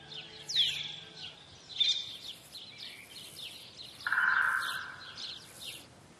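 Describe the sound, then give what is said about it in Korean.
Iberian magpie calls: a string of short, high, rasping chirps at a moderate volume, with one longer, lower harsh call partway through, and no voices. “이베리아 까치도 거대한 참나무 가지를 기본틀로 삼아 그 위에 정교한 둥지를 만듭니다.”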